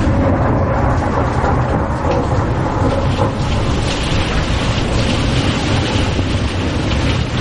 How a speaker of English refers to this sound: This storm shower alone must be a good 20 minutes.